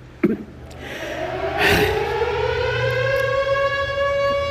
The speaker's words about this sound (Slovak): To je čo? Skúška sirén. Aj v rádiu to hlásili. Tuším, 2 minúty budú hučať.